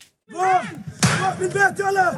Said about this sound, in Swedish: Så här låter den när tonåriga bosättare ger sig på den låsta grinden till en palestinsk familjs ägor i Al-Murayr, centrala Västbanken. Händelsen dokumenterades av BBC i lördags och är ett exempel på det upptrappade våldet.